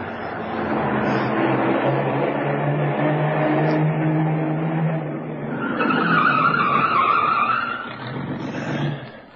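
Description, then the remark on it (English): A car engine roars steadily, then tires screech in a long, loud skid as the car brakes hard and slides to a stop in a place where it is being hidden, with no voices. “We can hide the car in there. Good idea, kid. Drive in there and stop.”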